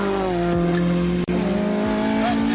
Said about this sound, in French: On est dans une mini classique avec plus de 250 chevaux à l'arrière, un moteur Honda qui prend des tours de malade.